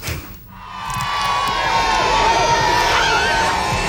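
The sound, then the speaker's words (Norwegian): A crowd cheers and shouts steadily, with high children's voices and whoops rising above a dense wash of noise that swells after a brief dip and stays loud. The crowd is welcoming King Harald and Queen Sonja's royal party as they arrive in Nordfjord, Norway, in bright sunshine. “Jubel og strålande sol.”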